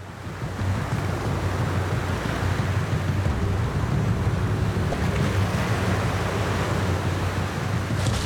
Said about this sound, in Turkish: Bu büyük dalgalar beni kayadan silip süpürecek.